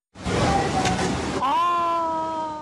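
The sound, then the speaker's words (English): Loud rushing floodwater from flash floods on the Greek island of Rhodes, where roads turned into rivers and cars were swept away, roars for about a second, then a long, steady voice-like tone rises over the churning water until the end. “there were flash floods on the Greek holiday island of Rhodes, which have left 1 person dead as roads turned into rivers and cars were swept away.”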